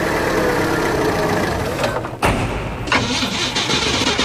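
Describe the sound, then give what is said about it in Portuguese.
A misfiring car engine runs with a loud, rough rumble, briefly cuts out and stumbles midway, then catches and keeps sputtering unevenly, with no voices. “Ih, rapaz, não é de ver que o carro tá falhando?”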